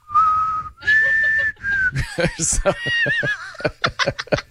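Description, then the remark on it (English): A person whistles a short, shaky three-note tune that sounds off-key, loud, then breaks into snickering chuckles and laughter right after. “You can't whistle on key.”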